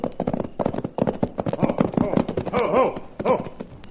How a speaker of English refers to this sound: Then suddenly we heard the unmistakable sound of a horse racing toward us.